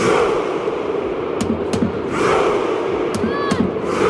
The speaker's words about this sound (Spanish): Viking Row, el grito de guerra de la afición noruega que está siendo tendencia y causando sensación. Cientos de personas al mismo son.